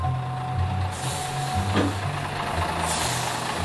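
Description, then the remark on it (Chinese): Heavy truck traffic rumbles steadily in an unbroken, ever-increasing stream of vehicles, a low engine drone with a sharp hiss of air brakes partway through. No one speaks. “车辆不断增加，车流不息”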